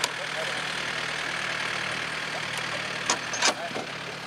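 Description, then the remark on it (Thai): A hired tractor engine runs steadily at a constant low drone while winching logs up out of the water, with a couple of brief metallic knocks near the end and indistinct voices faintly in the background. “พอซื้อแล้วเขาก็ไปจ้างรถไถวินขึ้นมาครับวินแล้วก็แก่ขึ้นมาครับ”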